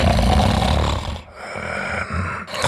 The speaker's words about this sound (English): Sound familiar? Don't ignore the snore. Snoring and constant tiredness could be a sign of sleep apnea.